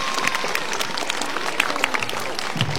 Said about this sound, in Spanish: Por ello, recibimos con fuertes aplausos a nuestro amigo Horacio Irwin Santoyo Chalco, alcalde distrital de Matarani. Un fuerte aplauso para él, por favor.